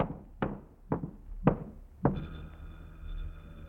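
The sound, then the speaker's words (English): Four firm, evenly spaced knocks on a front door, fairly loud, followed by a steady humming tone that lingers after the last knock. “Somebody at the front door. Shall I answer it?”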